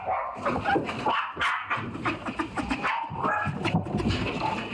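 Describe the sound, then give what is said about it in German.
A dog barks and whimpers frantically in a continuous, overlapping stream of sharp yelps, whines and high-pitched cries, loud throughout with no pause. “Und das ist auf jeden Fall schon eine Verhaltensstörung, was der Hund macht.”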